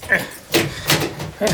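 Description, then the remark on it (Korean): An apartment door, unit 301 in a three-storey building, is unlocked with a key and pushed open, with a few distinct clunks and rattles of the lock and handle spaced over a second or so. “자 들어갑시다.”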